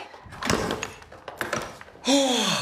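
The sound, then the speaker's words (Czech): A run of metallic clicks and clunks as a key in a door is turned to lock it, followed by a voice starting to speak loudly at the end. “Máme kliku, ve dveřích je klíč. Neřečni a zamkni.”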